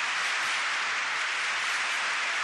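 An audience keeps applauding a tango singer after a sung tango performance, in a steady, dense wash of clapping that holds evenly for a few seconds, with no voices over it.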